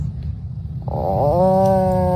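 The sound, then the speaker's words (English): A child's voice imitates an Atlantic puffin call: a low, rumbling growl that swells into a steady, nasal, moaning tone held for about a second, fairly loud. “That's what a puffin sounds like.”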